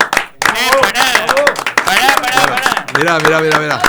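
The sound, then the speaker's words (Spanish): Steady hand clapping runs throughout, mixed with loud, excited voices shouting and calling out over the applause. “aplauso.”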